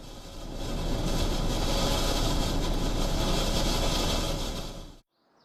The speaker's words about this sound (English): But now, anyone trying to tune into the same frequency will only find static.